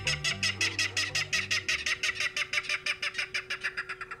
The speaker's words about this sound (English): In a salt marsh near San Francisco, a loud clatter erupts from the dense vegetation. These jolting notes, like a small engine cranking up, are the voice of a Ridgway's rail. The secretive bird peeks out from the edge of the marsh grass.